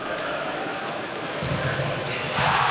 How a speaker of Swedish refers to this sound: Här var ett mindre diskret jubel i Timrå som gör 1-1 i numerärt överläge de också.